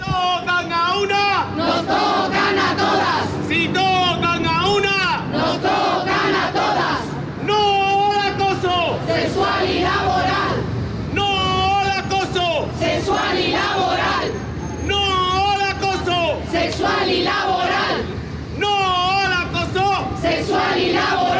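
A large crowd chants in unison at a solidarity rally outside a courthouse in Andalusia, called by the Sindicato de Periodistas de Andalucía in support of a woman who filed a sexual assault complaint; loud rhythmic shouted phrases repeat every couple of seconds over a steady wash of crowd noise.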